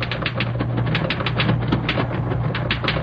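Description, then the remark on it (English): Rapid, steady typewriter typing by a new secretary in an outside office, a continuous patter of keystrokes over a low mechanical hum, with no voices. “A very pretty new girl was typing in the outside office.”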